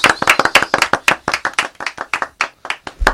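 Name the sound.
applause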